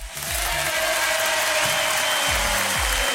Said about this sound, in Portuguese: E levante suas mãos para o alto, né? E aplauda com força.